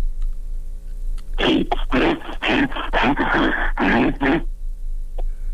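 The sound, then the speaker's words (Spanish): A man imitates a bear's growl: a run of loud, raspy, breathy vocal bursts lasting about three seconds, rising in intensity, with no words spoken. “Pues mira, no sé si se parece a oso, pero animal sí pareces.”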